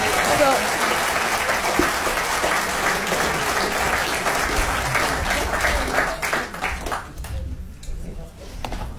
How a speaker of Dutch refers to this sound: Groot applaus, alsjeblieft.